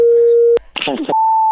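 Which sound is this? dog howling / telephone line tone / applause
telephone line tone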